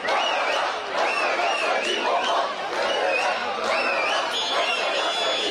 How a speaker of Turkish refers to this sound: Belçika'nın başkenti Brüksel'de 7'den 70'e herkes sokaklara döküldü. Tezahüratlar yankılandı, şampiyonluk coşkuyla kutlandı.